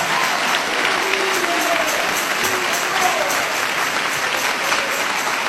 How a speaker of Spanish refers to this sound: Dale ese aplauso de alabanza y de victoria a Jesús de Nazaret.